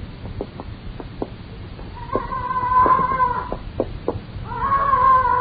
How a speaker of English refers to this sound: Hello, what's that? Parrot. Leach keeps it upstairs in the flat. Used to belong to her.